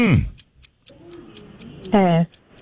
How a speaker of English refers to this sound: Let's go. Start the clock. Here we go.